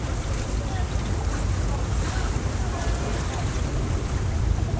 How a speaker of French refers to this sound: Chaque craquement de mes membrures, chaque souffle du vent me rappelait l'imprudence, l'arrogance et la faute.